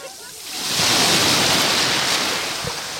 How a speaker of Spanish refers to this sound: Hoy el mar está en calma, la bandera que tenemos es de color verde y el sonido de las poquitas olas que hay es este. Escúchalo.